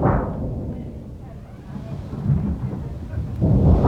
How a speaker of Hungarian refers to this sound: A föld remeg, dörög veszettül, széltében hosszában villámlik